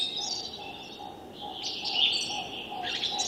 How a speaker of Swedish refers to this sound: Men vad vi hör, det är framförallt taltrassen som sitter närmast.